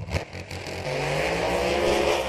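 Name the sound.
racing car engines revving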